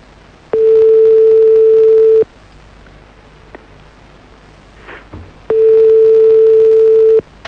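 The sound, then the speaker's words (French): A telephone ringback tone: two long, steady electronic beeps separated by a pause of a few seconds, clear and fairly loud, heard as if through a phone line with faint background noise. “J'espère qu'elle va décrocher.”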